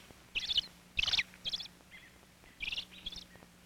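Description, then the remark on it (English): Sharp, agitated calls of an excited father robin ring out in quick bursts, several rapid chirps in clusters with short pauses between, clear with no voices. “Now, Father Robin is excited.”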